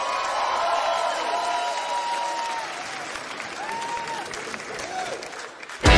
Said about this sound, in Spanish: ¡Gracias, chicos! ¡Aplauso tremendo para los músicos, loco!